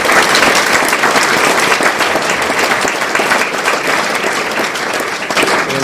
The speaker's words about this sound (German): Applaus.